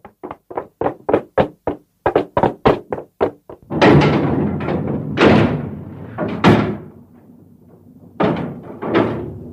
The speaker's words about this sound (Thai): เราต้องหาวิธีป้องกันเอาล่ะก่อนอื่นต้องปิดประตูรั้วให้แน่นนะ